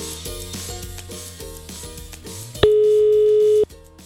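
A single loud, steady ringing tone on a phone line as a radio show dials a listener lasts about a second, cutting in over a rhythmic mechanical music bed that continues faintly afterward.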